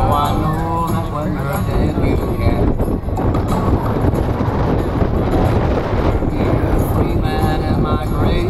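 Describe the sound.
Heavy wind buffets the microphone in a constant low rumble, loud and continuous throughout, with faint voices murmuring underneath the roar.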